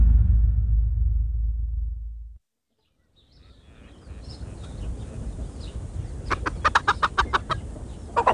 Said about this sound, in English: Here, my chickens! Come, come and feast on your corn.